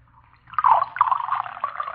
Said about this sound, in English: Sergeant, you're not drinking your beer. Pour some of it in my glass.